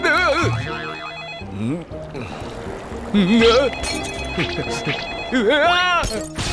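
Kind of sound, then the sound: signal or alarm, telephone ringing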